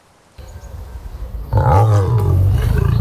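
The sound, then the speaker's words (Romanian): A caged big cat at an illegal zoo in Dâmbovița County, Romania, where lions and tigers were kept in cages too small, roars loudly, a deep sustained bellow building from a low rumble into a powerful, harmonic-rich roar that holds for over a second. “Printre animalele de acolo erau lei, tigri și urși chinuiți în cuști prea mici.”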